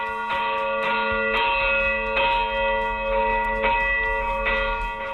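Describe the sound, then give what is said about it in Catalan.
Large cathedral bells rung by hand ring out in a busy, overlapping peal, strikes tumbling irregularly, with long shimmering tones hanging between hits, loud with no voices. “En definitiva, és un dels punts del nostre territori des d'on encara es pot gaudir del toc manual de les campanes.”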